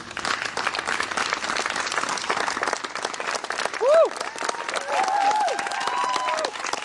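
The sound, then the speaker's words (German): A theatre audience applauds a play performed with lay actors, in a dense, steady wash of clapping throughout, with a short rising whoop and then a sustained whistle-like cheer cutting through partway in. “Sowohl das Publikum als auch die Laienschauspieler sind begeistert.”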